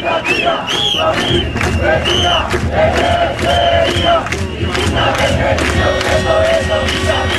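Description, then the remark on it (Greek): A large crowd of 'Indignants' (aganaktismenoi) protesters from 2011 shouts and chants together in loud, overlapping waves of voices, with rising yells cutting through a constant roar of people for the whole stretch. “Αυτές είναι φωνές από τους αγανακτισμένους.”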